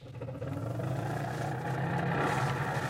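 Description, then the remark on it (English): An old, unrepaired car's engine runs steadily, a continuous low rumbling drone with a rough, sputtering texture, slightly louder toward the end, with no voices. “You know, Rochester, one of the reasons I haven't fixed this car up is that I've been thinking of getting a new one.”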